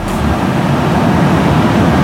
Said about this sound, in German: So, da redet Hamburg natürlich über die Sternbrücke. Ab heute rollen nämlich die ersten Züge über die neue Brücke. Das klang so.